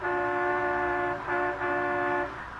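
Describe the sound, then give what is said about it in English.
Loud, sustained vehicle horns blare in a few long blasts with brief breaks between them, set against a steady rumble of street traffic in Washington, D.C., heard aboard a sightseeing bus. No one speaks. “As we pick him up now, he's on a sightseeing bus, accompanied by his secretary, Miss Jean Livingston.”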